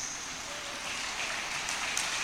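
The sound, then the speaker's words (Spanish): An audience at a church worship service claps hands in praise of God in a dense, steady wash of applause that holds at an even loudness throughout, with no distinct individual claps and no voices. “Dele palmas al Rey de Reyes y Señor de Señores.”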